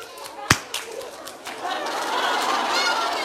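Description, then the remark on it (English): One sharp, loud hand clap rings out early, followed by a stretch of raspy, honking bird-like chatter that continues to the end. “I'm going to give you a clap.”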